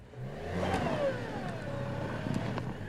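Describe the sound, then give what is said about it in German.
A heavy truck engine revs steadily for a few seconds, its pitch rising and falling in a drawn-out whine, with no voices over it, as the driver maneuvers forward and backward to free the truck's stuck tires. “Gegen festgefahrene Reifen hilft nur viel Vor- und Rückwärtsrangieren.”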